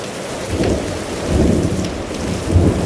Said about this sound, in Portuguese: Vaya, iso non é só unha chubascada. Leva vento, é unha treboada. E con tronos e todo.